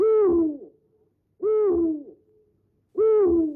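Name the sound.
owl hooting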